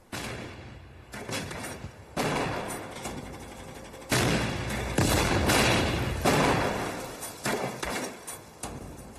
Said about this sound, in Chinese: 这时，李延年静静地靠在树林里的一棵大树上，听着远方断断续续传来的枪炮声。